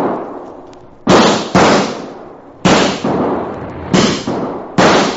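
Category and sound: sound effect, gunshots fired at coyotes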